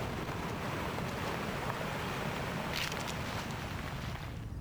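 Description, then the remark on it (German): Steady, roaring wind blows throughout, with a brief burst of brighter, crackly rustling partway through, like leaves stirred by a gust. No voices are present. “Eine plötzliche Böe. Blätter rascheln heftig. Lange Pause. Nur Wind.”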